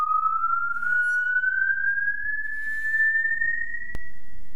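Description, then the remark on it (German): A musical saw holds one very high, pure, whistle-like note that reaches into the four-line octave, gliding slowly and steadily upward for several seconds, loud and alone, with a brief click near the end. “Auch im Film wurde die Säge zuweilen als Ersatz für die Stimme eingesetzt.”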